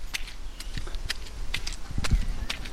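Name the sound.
footsteps walking outdoors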